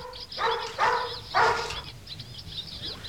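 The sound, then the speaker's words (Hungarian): A purebred hound barks three times in quick succession, loud, each bark short and harsh, followed by quieter background noise with faint bird chirps. “Jó van, kis kutyám, jó van. Fajtiszta a kutya? Fajtiszta kopó.”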